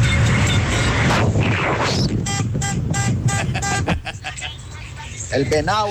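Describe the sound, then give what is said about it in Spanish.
A man sounds the horn of the old car he drives, in place of a bell, to vote on Tropicana radio: a rapid series of short, loud, nasal blasts over a noisy background, with muffled voices around it and a wavering tone near the end. “Esa no es campana, pero vale. El hombre sacó el pito del carro viejo en el que anda.”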